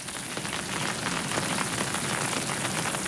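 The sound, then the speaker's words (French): Gentle rain falls steadily, a soft continuous patter of drops on a surface with no voices, even and unbroken throughout. “Maintenant, il pleut tout doucement.”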